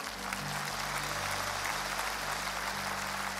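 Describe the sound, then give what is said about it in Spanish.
An audience applauds in a dense, steady wash of clapping that holds evenly for a few seconds, with low sustained keyboard-like tones humming underneath and no voices. The applause is given to "the King" during a Spanish-language sermon. “Si esa palabra para ti, dale un aplauso al Rey.”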